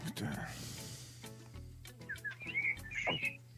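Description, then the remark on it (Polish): Bright, high bird chirps sound from outdoors, several quick warbling notes toward the end over a steady low hum, with faint voices murmuring underneath. “Ale fajnie ptaszki ćwierkają, no to”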